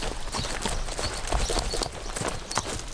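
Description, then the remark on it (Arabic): Horse hooves clip-clop steadily at a quick riding pace as a woman rides her horse while watching her students' mounted archery training in the garden of her village home, with a dense outdoor background of rustling and wind-like noise and no clear talking. “تراقب طلابها أثناء التدريب وهي تمتطي خيلها.”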